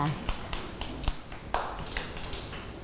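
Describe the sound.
Children in a class clap their hands for a classmate at the teacher's request, in scattered, uneven bursts, a handful of sharp, moderately loud claps spread over a few seconds rather than steady applause, with faint voices underneath.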